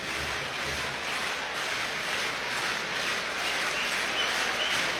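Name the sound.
baseball stadium crowd noise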